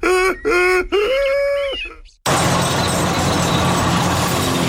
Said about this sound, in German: Hallo Leute, ich bin's, euer Esel Erli vom Erlebnispark Steinau. Kommt mich mal besuchen, denn hier ist es herzlich hessisch und fröhlich familiär. Achtung, jetzt lacht der Esel.